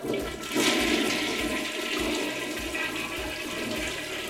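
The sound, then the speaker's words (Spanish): A toilet flushes with a loud, steady rush of water that swirls and gurgles for several seconds without letting up. No one speaks. “Y también una del baño, bye, bye.”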